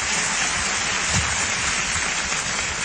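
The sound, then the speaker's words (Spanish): A church audience claps steadily and loudly for several seconds during a sermon, a dense continuous wash of many hands applauding together with no voices standing out. “Y si va a aplaudir, aplauda bien.”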